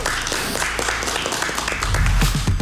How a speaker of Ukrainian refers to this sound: Друзі, ще раз оплески.